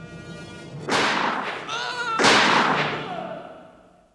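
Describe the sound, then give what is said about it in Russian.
Two sharp gunshot blasts roughly a second apart, each bursting loud and broad before trailing off, with a brief wavering tonal whine between them and no speech; the shooter hits the target this time. “И на этот раз тот, кто стрелял, бил без промаха.”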